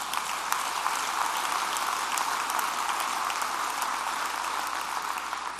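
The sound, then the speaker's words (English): Steady audience applause for a Kansas university's graduate job and salary figures fills the whole stretch, a dense, even patter of many hands clapping at once with a few sharper claps popping out, sustained without any voices. “Let's just clap because that's good stuff.”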